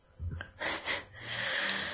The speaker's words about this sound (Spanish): respirando con mocos todo el rato, pero bueno. Más acento. Si escucha algún moquillo por ahí, pues es lo que hay.